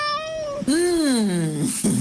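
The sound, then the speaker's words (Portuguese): A cat meows loudly, a short cry followed by a long, drawn-out wavering meow and the start of another, with no talking over it. “Aqui há gato.”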